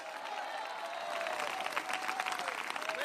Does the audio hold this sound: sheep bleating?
no